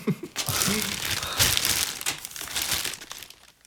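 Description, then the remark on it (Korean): A plastic bag crinkles and rustles as a man hands it over, a steady burst of crisp crackling that runs for a few seconds before trailing off. “그는 웃으며 비닐봉지를 건넸다.”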